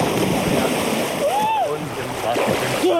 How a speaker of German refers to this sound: Wir machen das jetzt, was Jungs machen, wenn sie im Freibad sind. Wir schubsen jemanden ins Wasser.